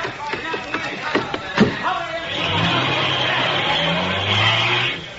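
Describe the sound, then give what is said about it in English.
A few sharp knocks and thumps, then the engine of a '46 Caddy (Cadillac) roars to life and revs up hard. Its pitch climbs as it speeds away, loud, before cutting off. “Come on, get in the car, quick.”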